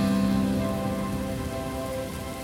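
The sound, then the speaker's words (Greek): Steady rain pattering on a surface, a continuous dense hiss of drops at an even level, with a faint sustained tonal hum beneath it and no voices. “Κρύβομαι κάτω από τη βροχή”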